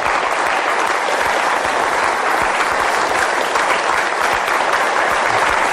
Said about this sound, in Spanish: Pues vamos a darle un aplauso a ese Dios que se hace niño.